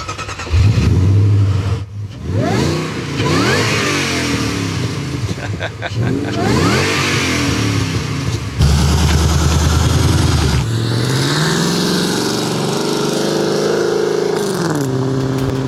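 A loud, throaty modified exhaust on a Sprint car with a rear wing revs hard several times, the engine note climbing and dropping in rising sweeps as the car drives off, with a steady rumble continuing near the end.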